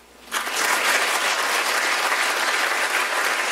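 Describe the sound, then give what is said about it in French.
A comedy show audience bursts into sustained applause after a brief quiet moment, clapping to answer whether they like spicy food; the dense clapping holds steady and fairly loud until the end, with no talking over it. “Exemple, par applaudissement, y a-tu des gens qui aiment ça, la bouffe épicée?”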